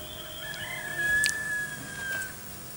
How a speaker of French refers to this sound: Et une petite aurore. Et le coq. Et le coq.